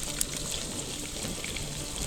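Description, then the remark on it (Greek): A steady, hissing sizzle of a mixture just poured into a hot pan over strong heat, with a dense crackle running unbroken for a couple of seconds and no voices. “Ρίχνουμε μέσα το μείγμα. Ακούστε τώρα.”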